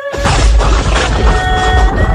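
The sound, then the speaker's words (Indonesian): A loud thunderclap bursts in suddenly during the rainy season and keeps rumbling with heavy, booming low-end energy throughout, with a faint steady tone ringing above it. No one speaks. “Kenapa suara petir itu kuat sekali?”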